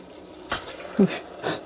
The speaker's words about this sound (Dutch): Maar ik zal nu eerst daar een beetje room bij doen ook. Hè. Ik werk met lichte room, dus je mag melk nemen ook. Hè. Ik zal daar dus de room bij doen.